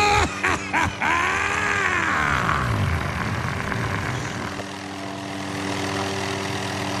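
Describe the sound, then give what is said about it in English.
Sound effect of black helicopters landing on a front lawn: a loud, continuous mechanical roar with a whining turbine tone that swoops up and down, then settles into a steady, low droning hum. No one speaks. “Oh, geez, they're landing on the front lawn! Black helicopters!”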